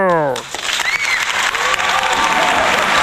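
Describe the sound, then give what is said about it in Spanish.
An applause sound effect: loud, dense applause from a crowd, steady crackling claps filling the whole clip, with a brief falling tone at the start and faint whistles or cheers mixed in. “¡Ay, el aplauso!”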